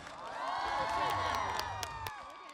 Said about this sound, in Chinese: 来，我们掌声给许君海。